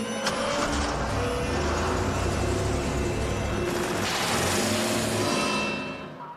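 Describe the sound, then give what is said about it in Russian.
A Volga car's engine roars loudly and steadily as it speeds out of a garage at night, with a sharp crash near the start and a harsh smashing burst midway as it breaks through a barrier, then the noise begins to fade as it drives off. “«Волга» на большой скорости выезжает и, снеся ограждение, удаляется в ночь.”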